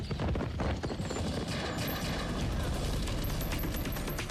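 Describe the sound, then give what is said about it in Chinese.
Heavy machine gun, rifle and submachine gun fire crackle nonstop in a sudden attack on marching uprising troops, rapid shots overlapping into a dense, loud barrage that stays steady throughout, with no voices. “可谁知大约跑了十几分钟，前面突然枪声大作，机枪、步枪、冲锋枪一齐向起义部队展开了猛烈的攻击，并且还响起了手榴弹的爆炸声。”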